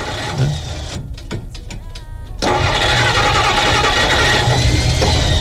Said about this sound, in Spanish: Ahí, mire. A ver. Es el Elías que está echando a andar el auto.